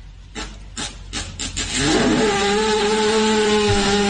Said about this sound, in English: Oh, that's got to feel rad. I see a lot of times when you see a horse rolling on the ground by itself, they're trying to get little farts out.